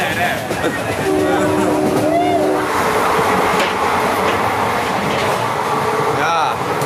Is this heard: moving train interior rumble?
yes